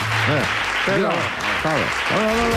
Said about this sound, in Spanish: Tampoco se entiende el aplauso.